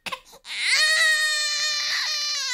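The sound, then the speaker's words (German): A newborn baby wails after a heel prick for its first newborn screening test: a short whimpering start, then one long, loud, sustained cry that holds steady and piercing until the end, with no talking. “Kaum ist das Baby auf der Welt, muss es zur ersten Reihenuntersuchung.”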